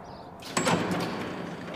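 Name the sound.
heavy door opening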